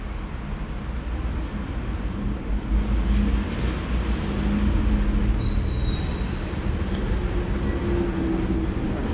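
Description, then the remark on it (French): A heavy wood and coal delivery truck rumbles steadily as it turns along a city street, its deep engine drone loud throughout, with a brief high-pitched squeal partway through. No one speaks. “Un camion, documentation technique automobile, un autre bois charbon qui tourne dans la rue où nous nous trouvons.”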